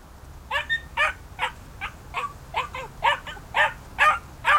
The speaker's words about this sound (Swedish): stod och skällde innanför hennes grind och verkade väldigt sur över att bli lämnad kvar ensam.